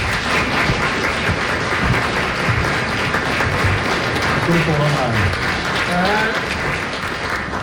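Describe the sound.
Steady, dense applause from an audience in a full festival hall at Førdehuset fills the whole stretch, a loud continuous clatter of many hands, with a few voices briefly rising above it near the end.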